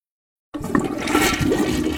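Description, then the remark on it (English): A toilet flushes, starting abruptly after a short silence with a loud, sustained rush of swirling water and gurgling that continues steadily to the end. “Honey, did you flush the toilet?”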